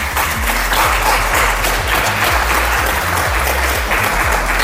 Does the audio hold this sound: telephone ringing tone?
no